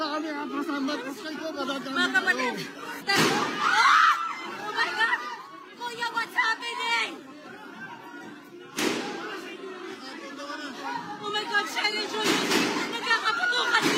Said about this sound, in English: incredible scenes in the Philippine Senate earlier, which, as we go to, has been on lockdown after gunshots were heard inside the building. Footage from inside shows crowds of lawmakers and journalists trying to take cover.